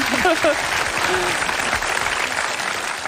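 An audience breaks into sustained, dense applause that holds at a steady loudness for about three seconds, with a few brief vocal sounds audible early on beneath the clapping.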